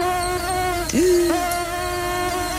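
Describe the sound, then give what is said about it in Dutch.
A mosquito's thin, high whine drones steadily on its own, rich in overtones, with a couple of brief wavering dips in pitch as it flies around. “Muggen, die horen bij de zomer.”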